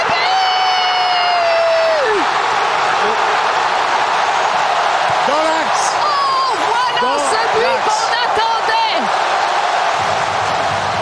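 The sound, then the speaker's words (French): A huge stadium crowd in Toronto roars continuously and loudly after the Canadian team scores a goal, with a long horn-like whistle early on and scattered excited shouts and whoops rising out of the din. “On voit évidemment, on entend la foule en délire à Toronto.”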